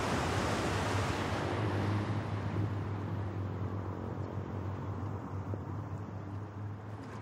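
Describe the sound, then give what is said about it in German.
Steady roar of surf on the beach at Pärnu with strong wind buffeting the microphone, a continuous dense wash of noise with a low rumble and no voices. “Der Strand von Pärnu.”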